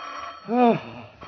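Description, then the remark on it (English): A telephone in a hotel room in San Francisco rings once at 1 o'clock in the morning in a short, fairly loud burst against a faint background hum, with nobody speaking. “Undersheriff Case, arriving in San Francisco late Sunday evening, had just returned to his hotel after several hours of unsuccessful search when the telephone in his room suddenly jangled.”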